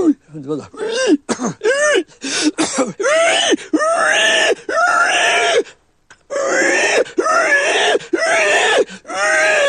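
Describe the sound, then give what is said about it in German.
A voice imitates a dying pig (a dying sow), a sound made largely from the larynx: a string of loud, strained squeals and groans that swoop up and down in pitch, delivered in rapid bursts with one short pause midway. “Das ist die sterbende Sau.”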